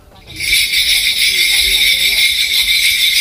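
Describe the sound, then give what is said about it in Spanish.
After a brief quiet moment, a dense wall of jingling bells from a Korean shamanic gut ritual rings out, loud and steady, in a continuous bright shimmer without pauses. “Pues parece que llega Papá Noel, ¿no? Sí, para hacer trineo.”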